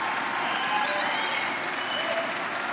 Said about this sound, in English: No, we should applaud that. It's so basic to our democracy.